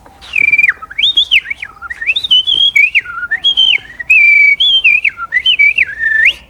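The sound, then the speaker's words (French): A common blackbird sings loud, a continuous run of fluty, warbling notes that rise and fall for several seconds, with no voices. “Oui, il y a un merle d'ailleurs.”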